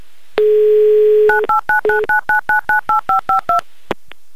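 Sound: telephone number being dialed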